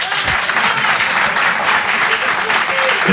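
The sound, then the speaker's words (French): A crowd breaks into steady, loud applause, dense clapping sustained throughout without pause, with a faint murmur of voices mixed in. “Qui, par applaudissement, a pensé à changer de travail ces derniers mois?”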